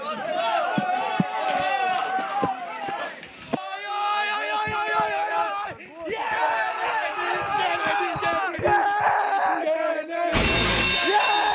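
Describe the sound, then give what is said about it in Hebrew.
The crowd of a football club that had not been in the Israeli Premier League for 14 years chants loudly and continuously, many voices sustaining sung, rhythmic calls with sharp bursts of claps or drum hits, ending in a noisy roar. “באמת יש פה מועדון מדהים, 14 שנה הוא לא היה בליגת העל, ראיתם היום את הקהל פה, קהל מדהים, ואני בטוח שהקהל הזה עוד יגדל בליגת העל.”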